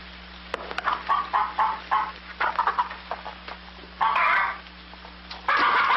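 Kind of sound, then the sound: bird, chickens clucking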